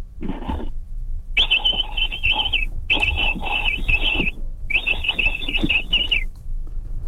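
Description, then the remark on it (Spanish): A man from Tecámac imitates a capybara call with his throat after a recording of it is played: four raspy, high-pitched chattering bursts. A short one comes first, then three longer ones separated by brief pauses, fairly loud, with no talking. “Sí, es que los capibaras no en Tecámac así suenan.”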